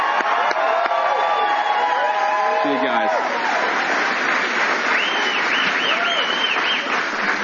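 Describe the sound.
Steady applause from an audience fills the whole stretch, dense and continuous with scattered cheers and whoops, while a few voices call out briefly over it.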